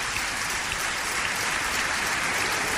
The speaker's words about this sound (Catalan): Per tant, dediqueu-li un fort aplaudiment.